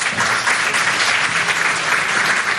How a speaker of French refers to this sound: Merci de les applaudir.